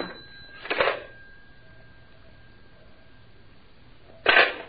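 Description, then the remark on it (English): A telephone rings in two short bursts several seconds apart, sounding thin and band-limited as if heard over a phone line, with quiet hiss and a faint steady tone between the rings. “Suspect's on the phone now.”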